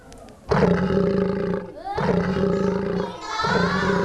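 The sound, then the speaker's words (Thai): A lion roars loudly, three long rumbling roars in a row with brief breaks between them, sounding like a recorded animal call with no talking. “ใช่สิงโตหรือเปล่าเด็กๆปลายทางคิดว่าเป็นอะไรคะ ส ิ งโต เด็กๆปลายทางก็บอกว่าคิดว่าเป็นสิงโตจริงไหมเดี๋ยวคุณครูแพรจะลองมาเฉลยดู1 2 3ชึ๊บโอ้สิงโต”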